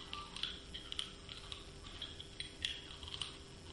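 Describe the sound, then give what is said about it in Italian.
Hard candy clicking against teeth: a faint, irregular series of small sharp clicks and taps, several in a few seconds, with no talking over them. “Il rumore di caramella nei denti.”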